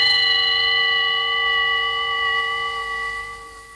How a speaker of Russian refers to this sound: Ваше превосходительство, часы на ратуше пробили 12 ударов.